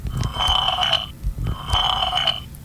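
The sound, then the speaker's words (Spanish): Two loud slurping noises from a noisy monster called the decrepit milk, each lasting about a second with a brief pause between them, wet and sucking with a hissy, whistling edge. Nobody speaks. “3 monstruos ruidosos sin necesidad de eructar, pero uno de ellos, la leche decrépita, comenzó a sorber.”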